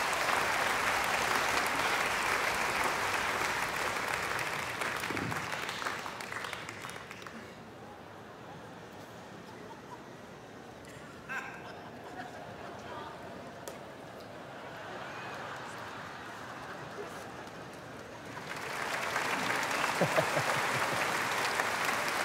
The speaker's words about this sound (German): ihm einen Applaus.